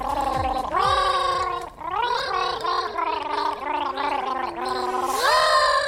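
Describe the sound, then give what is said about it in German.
Someone gargles a famous bee song, performed by the Mausradio team for World Bee Day. The bubbling voice warbles through a string of sustained, pitched notes that wobble up and down before a final rise to a higher, louder note. “Ach so, habe ich gesagt, dass sie ihn gurgeln?”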